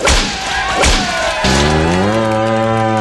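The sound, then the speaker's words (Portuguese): A few sharp thuds or cracks come first, then a loud, deep ox moo swells up and holds for about a second and a half, clear with no talking. “Te afasta pra lá, boi, vai nojinho.”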